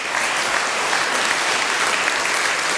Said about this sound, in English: A round of applause again to Iona Fife, ladies and gents.